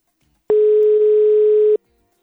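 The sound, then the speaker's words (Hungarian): A single steady electronic ringback tone from a white phone calling a colleague during working hours, one clear burst of a bit over a second, fairly loud, with silence before and after and no voices. “Reméljük, hogy fölveszi a telefont, bár ugye munkaidőben vagyunk.”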